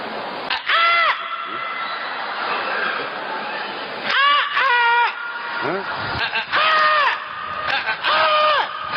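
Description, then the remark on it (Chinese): A voice mimics a coloratura soprano doing her morning vocal warm-up exercises, letting out four shrill, warbling sung bursts with quivering pitch, separated by short pauses over a steady murmur of audience noise. “每天早晨起来练发声啊。 啊啊啊！ 花腔女高音啊！”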